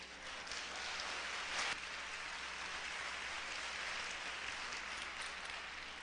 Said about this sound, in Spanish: Ah, ya sí hay. Ok. Un aplauso para el valiente.